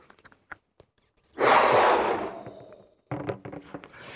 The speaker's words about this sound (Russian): А теперь выдохнуть надо в шарик.